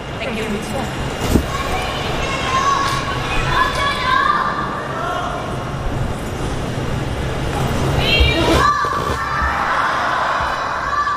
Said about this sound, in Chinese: 现场观众也在持续不断的给李静和罗旭敏两位选手来加油。